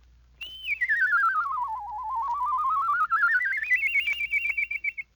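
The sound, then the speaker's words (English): A single sustained whistle glides smoothly downward in pitch, then climbs back up again, with a steady warbling vibrato throughout and no voices alongside it. “With this lesson learned, you can whistle songs and even imitate birds.”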